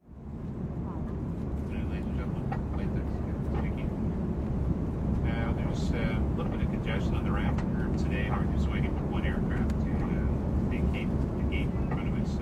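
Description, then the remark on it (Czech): Airplane cabin ambience: a steady, loud low-pitched engine drone holds evenly for the whole stretch, with indistinct voices and faint rustles drifting over it. “Příběhy jsou tak laděné i do tematického prostředí, jako je doma či v letadle.”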